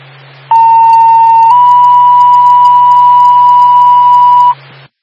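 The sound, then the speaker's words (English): A loud two-tone paging alert from Twin State dispatch to Newberry EMS: a steady mid-pitched tone for about a second, then a slightly higher tone held for three seconds, cutting off abruptly over a constant low hum. “Newberry, EMS. Stand by for tone.”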